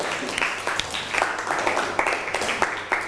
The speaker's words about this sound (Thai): เอาปรบมือให้กับเพื่อนหน่อยครับ